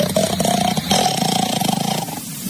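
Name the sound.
snoring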